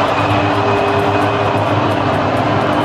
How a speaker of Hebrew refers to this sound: אפשר לשמוע היטב את הבוז, אפילו פיפה לא הצליחו לחסות את האירוע הזה ולהסתיר אותו.